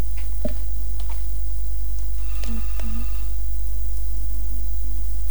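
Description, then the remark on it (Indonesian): A telephone line signals an incoming call with a couple of short electronic tones and faint clicks over a steady low hum and background hiss; no one speaks. “Oke, ada telepon.”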